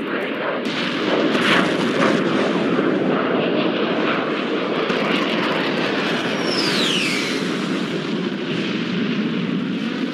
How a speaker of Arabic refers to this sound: حمام الشط تنبض بالحياة. طول 10:07 بالضبط، صوت طيارات حربية قاعدة تقرب من شيرة البحر.